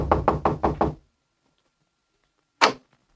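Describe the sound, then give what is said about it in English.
Four quick, firm knocks on a front door land in a steady rhythm, then after a long silent pause a single louder knock follows. No one speaks. “So I waited until he was out of sight, and then I stepped up to the door, braced myself, and tried my luck.”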